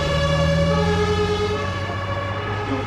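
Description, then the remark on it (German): An ambulance siren blares loudly and continuously, a steady droning tone with no one speaking over it. “Dann laden wir sie in den Krankenwagen mit den 3 Kindern.”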